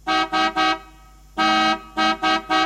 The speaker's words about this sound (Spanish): Lo único que sé es tocar la bocina. Escuchá. Se quedó trabada.